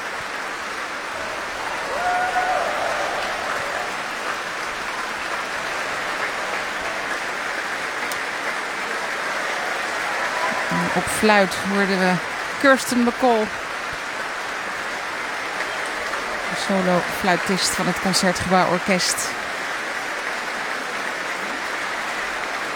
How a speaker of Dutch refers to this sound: Want dit publiek wil graag laten weten dat ze hebben genoten. Groot applaus nu voor Alexei Ogrinchuk, de solo-oboist. En ook voor klarinetist Carlos Ferreira.